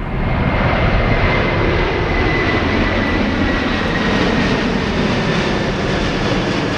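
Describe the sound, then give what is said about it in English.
A loud, steady roar of an airplane flying overhead, its engine noise a broad, unbroken rumble and hiss that holds level for several seconds with no voices. “I'm well aware that that might be quite a triggering sound to some of our listeners.”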